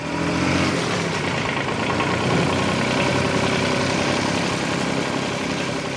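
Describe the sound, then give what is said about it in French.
A tractor engine idles with a steady, droning rumble that holds at an even, fairly loud level throughout, without pauses or revving. No voices are heard. “Désolé, le tracteur, j'en ai fait.”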